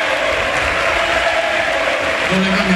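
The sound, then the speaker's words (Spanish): A stadium crowd at Butarque, the whole stadium standing, gives a sustained ovation as La Liga top scorer Sergio Camello is substituted off for Alemão, dense applause and cheering filling the air steadily and loudly throughout, with a brief low tone rising near the end. “Ojo, chicos, porque ovación en Butarque, todo el estadio de pie para la retirada del bigoleador y pichichi de la Liga, Sergio Camello, para que entre Alemão y también se retira, mira.”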